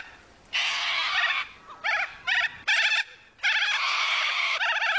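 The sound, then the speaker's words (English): A corella gives loud, harsh, rasping screeches: a long screech, several short bursts, then another long drawn-out screech. No one speaks. “A Corella.”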